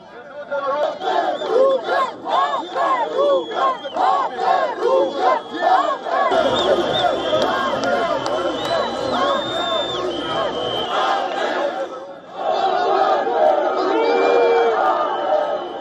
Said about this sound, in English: These are the visuals from Albania's capital, where protesters can be seen engaged in a clash with deployed police personnel. Some of the protesters even broke through a police cordon, after which police used water cannons to disperse the crowd.